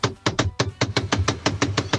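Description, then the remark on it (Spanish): A cajón drum rhythm: a quick, steady run of about a dozen hand strikes on a wooden box, mixing deep bass thumps with sharp, bright slaps. No voices are heard. “Yo creo que era un cajón, pero que no lo escuché.”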